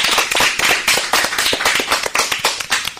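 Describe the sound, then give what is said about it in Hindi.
A crowd bursts into steady applause for the day's program, many hands clapping in a dense, crackling wash that holds loud and even for the whole stretch, with no voices over it. “जोरदार तालियां हो आज के कार्यक्रम के लिए।”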